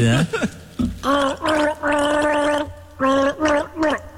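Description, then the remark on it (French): Someone gargles out the tune of a hit song with a mouthful of Tréma, the bubbling throat sound rising and falling in pitch across several sung phrases with short breaks between them, fairly loud. “Alors je gargarise mon hit.”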